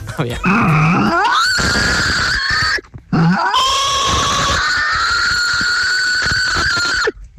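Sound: voice imitating a pig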